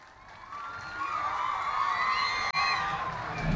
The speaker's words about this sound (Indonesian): terdengar suara-suara penonton niki yang sudah tidak sabar untuk menyaksikan fragmentari berjudul Gita Sarayu dari Duta Kabupaten Karangasem.